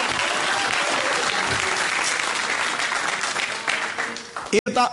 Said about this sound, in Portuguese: Dá uma salva de palmas para louvar a Jesus com força, com coragem.